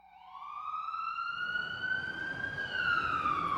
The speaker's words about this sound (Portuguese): A sirene ilustra sonoramente a urgência exigida nas vias da cidade. Nas ruas do Recife, socorristas e condutores de ambulância enfrentam diariamente uma maratona de obstáculos que envolve trânsito denso, vias não pavimentadas, buracos e desníveis